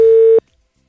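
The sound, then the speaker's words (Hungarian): A single loud, steady telephone ringing tone on a long-distance call to a non-Hungarian number, a pure electronic buzz lasting under half a second, then cutting off to silence. “Interurbán telefonálunk most.”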